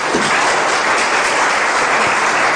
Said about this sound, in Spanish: Un fuerte aplauso a Jesús, por favor.